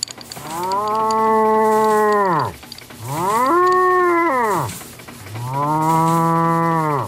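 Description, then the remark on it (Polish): Cows inside a train wagon moo loudly, heard through a stethoscope held to the wagon door: three long, drawn-out lowing calls in a row, each rising and then falling, with brief quiet gaps between them and no talking. “słyszę ryczące krowy.”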